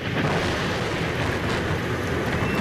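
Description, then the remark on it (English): Heavy rain pours down over Rome in the early morning in a dense, steady roar, with a deep, low thunder rumble running underneath throughout. Loud, with no voices. “But the heavy rain and thunder that stormed the Roman skies failed to stop the pilgrims who had come to St.”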